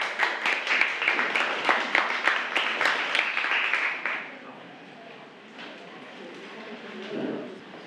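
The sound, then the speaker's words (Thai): A burst of group applause from students in a classroom, asked for by the teacher for the group 5 representatives about to present, many hands clapping in a rapid, uneven patter for about four seconds, then fading into quiet murmur with faint talk. “ขอเสียงปรบมือให้กับตัวแทนกลุ่มที่5ด้วยค่ะ”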